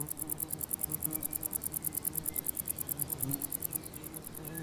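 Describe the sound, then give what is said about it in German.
Bush crickets chirp in a rapid, steady stream of high-pitched ticks, like a tiny sewing machine, the sewing-machine sound coming from a conehead bush cricket, running continuously at moderate volume over a soft low rumble in an open, farmed meadow. “Dieses Nähmaschinengeräusch stammt von einer Schwertschrecke, während der Warzenbeißer eher Pianissimo spielt.”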